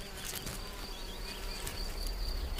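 A small red-tailed mason bee buzzes steadily with a thin, high-pitched whine while maneuvering an empty snail shell into position, fairly quiet, over soft scratchy rustling and scattered light ticks. No one speaks.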